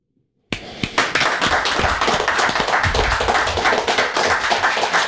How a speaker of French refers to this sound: J'applaudis. J'applaudis, j'en tape mon micro.